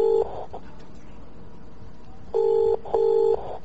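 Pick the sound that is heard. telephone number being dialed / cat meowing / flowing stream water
telephone number being dialed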